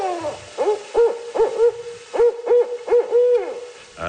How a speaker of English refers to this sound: He came along, and we actually called the barred owl out of its roosting site into the open where we could actually photograph it and do a short video and tape its call.